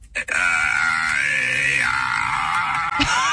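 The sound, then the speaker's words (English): An AI voice (ChatGPT) imitating a newborn baby's cry lets out one sustained, wavering wail, loud and continuous for about three seconds before cutting off. “Can you just, like, make the sound of a baby in the background so I can say I gotta go?”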